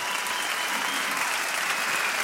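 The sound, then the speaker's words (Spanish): Loud, steady applause for a band fills the whole stretch, a dense rush of many hands clapping with no pauses and no voices standing out. “fuerte aplauso a la banda acá, muy bien.”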